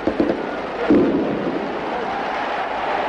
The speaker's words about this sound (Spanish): El entusiasmo de los hinchas de Valencia se desborda. Las tracas, como en los festejos falleros, hacen sonar sus petardos.